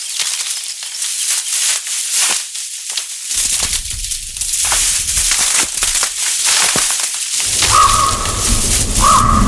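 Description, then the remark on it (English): Harsh, deep croaking calls of two pairs of ravens come through near the end at Pollerstown, along a boardwalk, a couple of drawn-out notes over loud, rushing wind and rough crackling noise outdoors. “There's two pair of raven. You hear the deep croak of them.”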